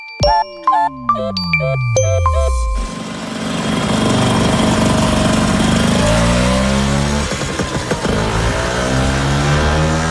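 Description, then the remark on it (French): A few bright chiming tones ring out, then a buzzy Vespa scooter engine takes over and revs loudly, its whiny pitch climbing and dipping several times with no talking. “Bon, les vrais de vrais vont peut-être reconnaître ce bruit qui, semble-t-il, en tout cas selon le fondateur, ressemblait à une guêpe, d'où le nom, hein, Vespa.”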